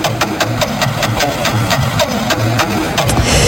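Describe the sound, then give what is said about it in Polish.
A prize wheel is spun by a host for listeners during RMF FM's Festiwal Szczęścia radio game, with a steady run of sharp ticking clicks that begin to space out slightly toward the end, over a low, constant rumbling hum. “Dobra, to dla was kołem kręcę.”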